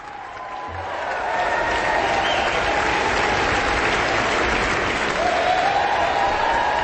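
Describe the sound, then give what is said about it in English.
Sustained, dense applause from a large concert audience at the Aspen Festival Orchestra concert after a performance of Mahler's First Symphony conducted by Stéphane Denève, swelling within the first second and holding steady, with several sharp whistles rising above the clapping throughout. “Lots of whistling as well as applause in this very enthusiastic audience.”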